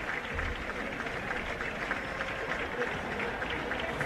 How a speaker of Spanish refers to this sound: Los aplausos son porque sale Belgrano a calentar.